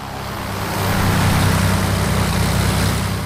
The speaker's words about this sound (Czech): 4 nastartovaná letadla zní na zemi před hangárem takto.